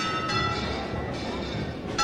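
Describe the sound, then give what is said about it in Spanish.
Parish church bells ring steadily with sustained, overlapping tones, announcing the imminent departure of the city's co-patroness procession, heard over a dense bed of outdoor crowd noise and murmur. “Bueno, pues de nuevo suenan las campanas, han hecho un inciso, pero vuelven a tocar.”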